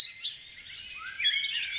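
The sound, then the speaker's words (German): Several birds chirp and sing at once, a dense overlapping chorus of high twittering notes and whistles, steady throughout, with no voices. “Zwitschern macht glücklich. Wer Vogelgesängen lauscht, wird entspannter, psychisch gesünder.”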